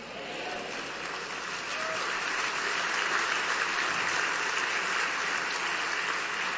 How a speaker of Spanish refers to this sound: Un mejor aplauso para el Señor.